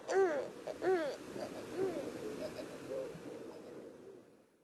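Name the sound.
owl hooting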